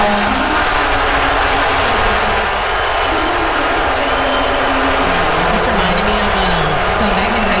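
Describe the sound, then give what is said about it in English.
A large crowd at Madison Square Garden, before the first NBA Finals game, boos President Donald Trump loudly and steadily, a dense roar of many voices with drawn-out low 'boo' tones rising and falling throughout, never letting up. “He was surrounded by a bulletproof glass, and he was booed by fellow New Yorkers.”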